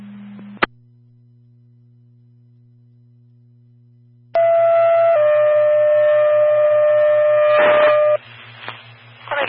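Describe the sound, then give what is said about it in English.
A radio dispatch pager alert paging an additional EMT for a medical call, possible stroke, at N2766 Siegel Road: after a click and steady hum, a loud electronic tone sounds, then shifts to a second long steady tone lasting several seconds before cutting off. “A page for an additional EMT.”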